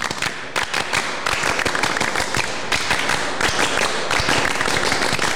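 A crowd of scouts from SMA 1 Geger in Kuaren Geger claps loudly in a quick, patterned rhythm of sharp hand claps. It is the scout clap (tepuk pramuka), performed twice, repeated in bursts with brief pauses, with no talking.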